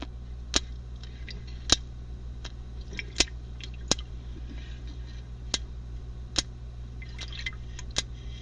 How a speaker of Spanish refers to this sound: Un grupo de neozelandeses, un grupo de científicos, estaban evaluando los sonidos de los tiburones en cautiverio. Y en ese análisis se dieron cuenta que un tiburón llamado Rig emitía ese sonido, chasquidos en el tanque.